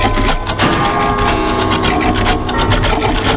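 A dense, loud clatter of many clocks ticking at once, about 230 clocks of the Royal Palace of Madrid, their overlapping mechanical clicks merging into a steady, busy rattle with no voices.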